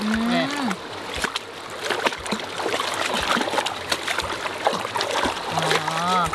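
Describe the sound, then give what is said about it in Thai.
Continuous splashing and sloshing of water with scattered drips and splatters as a chicken is washed in a hand net, steady and moderately loud throughout, while voices chatter intermittently over it. “ดูแม่ล้างเดี๋ยวน้ำนี่มันจะออกขุ่นๆ อ๋อเดี๋ยวน้ำขุ่นๆจะออกแล้วใช่ไหมคะ นี่แหละ”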